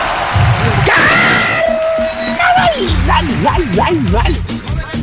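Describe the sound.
A man lets out a long, sliding falsetto shout in the style of a singer's trademark yell, then breaks into wavering vocal whoops over a busy, noisy background.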